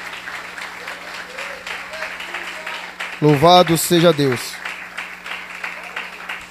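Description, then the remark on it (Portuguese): A church audience claps steadily for Christ throughout, a dense continuous patter of many hands, while a man's voice briefly rings out loudly over the applause in the middle. “As palmas são bem fortes para Cristo.”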